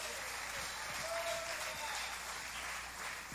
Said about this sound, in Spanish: Y bajaron los aplausos, bajaron los amén, bajó todo.